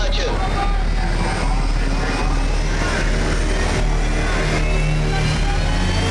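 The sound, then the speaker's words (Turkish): Airplane engines roar loudly and steadily overhead, a thick constant drone with a low humming tone, while faint voices murmur beneath it. “Tüm uçaklar uçuşa aldı.”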